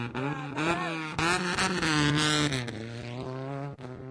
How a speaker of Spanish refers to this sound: Atención, Andahuaylas, acaba de pasar el coche de representando a Uripa.